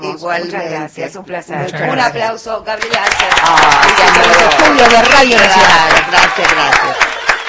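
A voice talks briefly, then an audience in the Radio Nacional studios breaks into steady, loud applause for a guest, a dense crackle of many hands clapping that holds for several seconds without fading.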